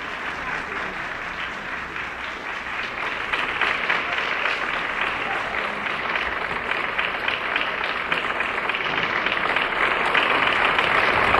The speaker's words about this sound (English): The applause continues. Here is Colonel Gabriel coming to the stage once again. The band joins in the applause for him, bows to them and to the audience.